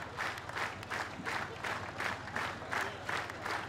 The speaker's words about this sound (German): So, das ist der Applaus, der sich Fulda aber auch verdient hat. Ja. Für einen wirklich, wirklich tollen Hessentag.